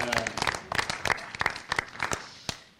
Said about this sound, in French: Merci, on peut l'applaudir.